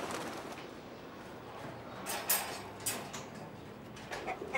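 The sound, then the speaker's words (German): A chicken clucks a few times in short, separate bursts over a steady, noisy background, moderately loud, with no one talking. “Wenn Tonzo weg ist, wird dieses Huhn sowas von befreit.”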